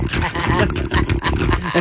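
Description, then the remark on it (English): A person loudly imitates snoring with a rough, rattling, growl-like throat noise, sustained for about two seconds with a few brief breaks. “I had a dream that I was fighting off a wolf with my snoring, and then I woke up snoring really loud.”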